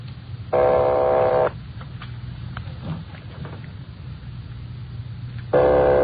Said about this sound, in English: Keep ringing, 761. They're ringing the number, Sergeant.